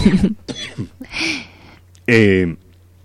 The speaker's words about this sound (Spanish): Voy a toser, perdón. A ver, tranquilo, tosa.